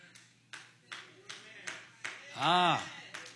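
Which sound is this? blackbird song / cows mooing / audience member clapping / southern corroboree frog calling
audience member clapping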